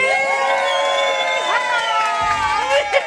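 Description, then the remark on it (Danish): A festival crowd at a party in Gilleleje cheers loudly and steadily to vote for a song, many high voices shouting and whooping together in a sustained roar with rising yells near the end. “Også god stemning for den.”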